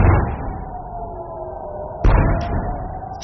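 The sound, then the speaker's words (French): Two heavy explosions in the sky over Jerusalem, preceded by an alert, each a deep booming blast followed by a long rumbling decay, the second arriving about two seconds after the first, with no voices. “Deux lourdes explosions, vous l'entendez, c'est il y a moins de 2 heures dans le ciel de Jérusalem, précédées d'une alerte, 100 jours exactement après l'attaque américano-israélienne sur l'Iran.”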